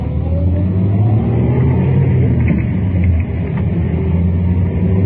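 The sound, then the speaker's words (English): A car engine drones loudly and steadily, rising slightly as the vehicle accelerates through a U-turn, with a constant low rumble and no voices. “Now, in just a couple more moments, we should get a shot to make that U-turn.”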